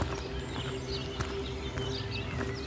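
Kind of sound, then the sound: bird, birds singing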